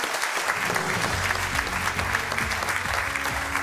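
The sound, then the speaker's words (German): Sustained applause from a quiz show studio audience, many hands clapping densely and steadily, with a faint murmur of voices beneath the clapping. “Sie haben unsere Sympathie, Sie haben unseren Applaus und Sie haben unser Hessen-Quiz-Buch.”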